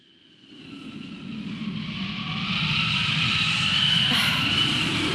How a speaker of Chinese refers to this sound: 哎，又刮大风了，这今天咋了？大风天气这么多。